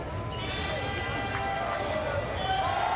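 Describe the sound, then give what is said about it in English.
A pitched baseball smacks off the backstop in front of the Springfield crowd mic at a baseball game, a couple of short, sharp knocks rising out of a steady crowd murmur with voices chattering underneath. “You heard it smack off the backstop right in front of the Springfield crowd mic that they're kind enough to let us plug into here.”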